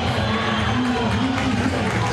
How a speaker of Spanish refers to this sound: Y la gente lo aplaude a Merentiel, lo quiere, ¿eh?